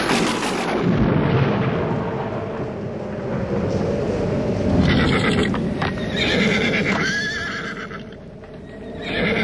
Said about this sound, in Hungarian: Már dörög az ég, haja?